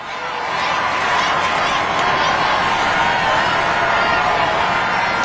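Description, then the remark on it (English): A large crowd roars and cheers its approval in a steady, dense wash of voices that swells in over the first second and then holds loud and unbroken, as the Pope drives slowly in his Popemobile down a 1.9-kilometre road at the heart of Paris. “roaring their approval as he drives slowly down this 1.9 kilometer long road at the heart of Paris in his Popemobile.”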